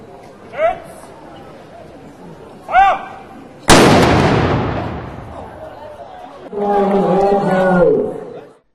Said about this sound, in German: Den Auftakt machte das Mansfelder Pionierbataillon mit einem Kanonenschuss.